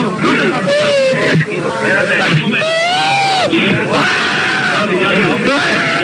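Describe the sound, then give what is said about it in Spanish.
An injured player cries and groans as his shin guards and foot bandages are removed, loud strained moans rising and falling in pitch for several seconds over a noisy, busy background. “No, vamos a ver porque me están quitando las espinilleras y las vendas del pie y está llorando.”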